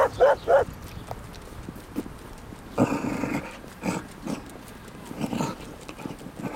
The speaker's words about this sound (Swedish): Då kommer det en annan hund.